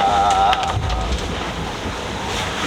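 Loud rushing wind and churning water around a sailboat sailing on autopilot at night, with a heavy wave crash early on as the hull slams into a wave, stops and heels onto its side, then a steady roaring wash of spray.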